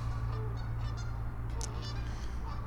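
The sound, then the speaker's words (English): Several geese honk in short, scattered calls over a steady low rumble of outdoor background noise, the calls moderate in loudness with no one speaking. “There's some geese hiding over here.”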